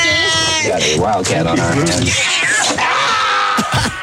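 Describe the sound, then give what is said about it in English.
A cat named Pinky, up for adoption, meows loudly and insistently, several drawn-out, wavering cries in quick succession, filling the whole moment. “I'm a cat lover. We've had cats. That was Pinky who was up for adoption, by the way.”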